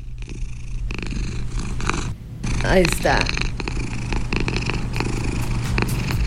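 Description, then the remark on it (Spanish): A cat purrs steadily, a continuous low rumbling throb that runs the whole time, with a short spoken phrase briefly heard over it midway. “O mándanos el ronroneo de tu gato, porque no vaya a ser que esté como que esté alterado.”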